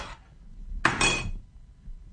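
A plate of food is tossed hard onto a table with one sharp clatter and a brief ceramic ring, after a softer scrape at the start. No voices are heard.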